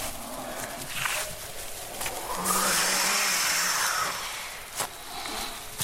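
A steady rush of wind that swells into a loud, hissing gust in the middle, then eases back, with a few faint knocks and rustles underneath.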